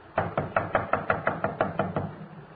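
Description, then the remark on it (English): Police officers knock on a door in a rapid, steady series of about eleven firm knocks, evenly spaced and fairly loud, with no voices over them. “Come on, open up in there.”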